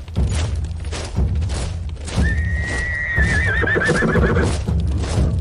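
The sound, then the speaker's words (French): A horse lets out a long, wavering whinny over the steady clip-clop of hooves and low thuds as a military field bakery column moves slowly with horses and soldiers behind infantry regiments, with a dense, busy background throughout and no speech. “Ces colonnes se déplaçaient lentement au rythme de la marche des chevaux et des soldats à l'arrière des régiments d'infanterie.”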